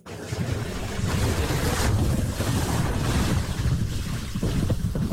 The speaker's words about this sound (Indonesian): Di saat penduduk yang di darat berusaha menyelamatkan diri dari tiupan angin, dua nelayan yang terjebak di tengah laut berusaha untuk bisa tiba dengan selamat sampai ke pantai.